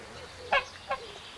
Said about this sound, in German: Gänse kennen offenbar kein Halten und sind schon wieder ausgebüxt.